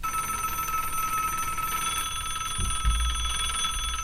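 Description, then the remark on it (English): A telethon telephone rings with a steady, bright electronic tone that persists throughout, moderately loud, with a low rumble and a couple of soft thumps underneath near the end. “Wait, I'm not going to answer your phones for you, Jerry.”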